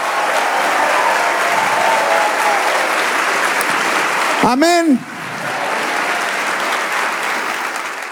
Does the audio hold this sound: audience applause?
yes